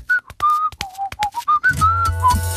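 A person whistles a quick, clear melody of short notes, loud, with a low hum or music bed coming in under the final held tones.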